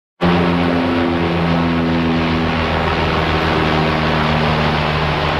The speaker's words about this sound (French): Vous reconnaissez le bruit d'un avion, mais là, c'est pas n'importe quel avion. C'est celui d'un Canadair. C'est le vol d'un Canadair au-dessus des feux qui ravagent en ce moment la vallée de l'Okanagan en Colombie-Britannique.